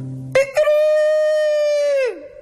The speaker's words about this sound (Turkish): Bir horozun sesi. Çok yakından geliyordu. Uzaktaki kümesten değil de yani odadan geliyor gibiydi.